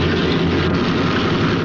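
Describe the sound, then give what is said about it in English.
A loud, steady airplane engine drone with a deep low rumble and a broad roaring hiss, holding constant throughout without any talking, from a film scene featuring Humphrey Bogart, Claude Rains and Conrad Veidt, in which Victor Laszlo is on the plane. “Victor Laszlo is on that plane.”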